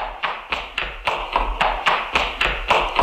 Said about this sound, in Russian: Дядя Кузя, чего ветерок так топает? Это цокают подковы.